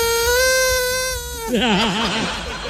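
A toy duck squawks as it deflates: a steady, reedy squeal abruptly turns into a hoarse, lower warble that wobbles up and down. Fairly loud, about three seconds, with no talking.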